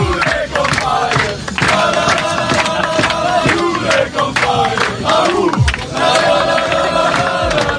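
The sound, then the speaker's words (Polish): Members of a national U21 football team cheer and celebrate yesterday's European Championship qualifying win, a loud, continuous mass of male voices shouting and chanting together, with rising whoops and hoarse yells across the whole stretch. “Zespół Jerzego Brzęczka jest ostatnio nie do zatrzymania, a zaufanie do selekcjonera piłkarze pokazali, fetując wczorajszą wygraną.”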